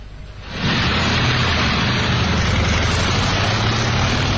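After a brief quiet moment, a motorcycle engine roars to life as the character Ma Fugen rides off on it, and it keeps running loudly and steadily, a rough continuous rumble with no voices.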